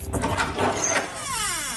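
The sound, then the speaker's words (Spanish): The door of a newly bought, empty refrigerator swings open with a drawn-out, squeaky creak that slides downward in pitch, fairly loud, over a brief rustling clatter at the start. “Eso digo yo, se echan de menos una cervecita fresquita y un poco de aceite lubricante en la puerta, que chirriaba como el ataúd del Conde Drácula,”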